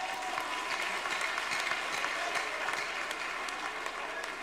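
A crowd applauds steadily, a dense wash of many hands clapping at once, sustained and fairly loud without pause for several seconds.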